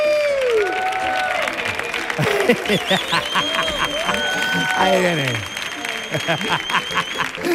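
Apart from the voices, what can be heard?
loud audience applause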